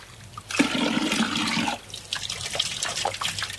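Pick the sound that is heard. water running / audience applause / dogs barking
water running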